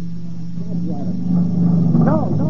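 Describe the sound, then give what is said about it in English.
A motorcycle engine drones with a steady low hum that swells slightly louder as it goes by, while voices talk over it. “What's that? Motorcycle.”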